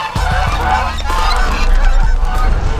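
Loud geese honking in a dense, continuous chorus, with harsh nasal calls overlapping one another throughout and no talking.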